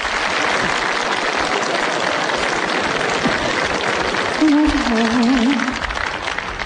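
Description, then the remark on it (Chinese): An audience claps steadily for several seconds, welcoming actors Zhao Benshan, Fan Wei and Wang Wei for the comedy sketch 'City Working Girl', a dense, even patter of applause; near the end a low, wavering sung or hummed tone briefly rises over the clapping. “这是一段小品，由赵本山、范伟和王威早年合作的一段《城市打工妹》，咱们掌声请上这三位演员。”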